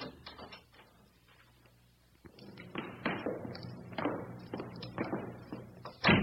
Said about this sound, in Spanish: Parece que se detuvieron unos pasos junto a la puerta. Sí.